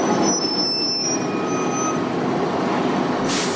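A city bus rumbles up to a bus stop shelter in the sun with a faint high brake squeal, then a sharp burst of air-brake hiss near the end as it stops.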